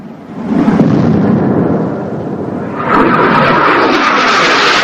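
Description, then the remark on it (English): One of two jet planes streaks low over a beach: a loud continuous rumble that is deep at first, then shifts into a harsher, hissing whoosh partway through. No voices are heard. “On the beach, the pair pause to stare up at two jet planes streaking low across the sky.”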